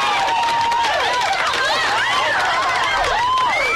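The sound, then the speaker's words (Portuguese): A crowd of girls screaming and cheering at once during the radio program Área VIP on Nova, many high-pitched voices rising and falling in overlapping shrieks, loud and continuous throughout. “Cadê o grito das meninas?”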